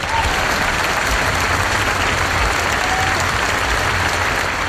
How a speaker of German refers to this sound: Grossen Applaus allen miteinander.